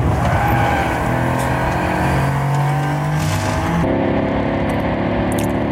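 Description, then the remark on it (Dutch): A loud, deep engine roar like a V8, revving steadily with rich low rumble, then shifting pitch partway through. It is a Mercedes electric sports car producing a simulated V8 combustion-engine sound, with no talking. “Dat klinkt als een V8. Ja. Maar het is een elektromotor.”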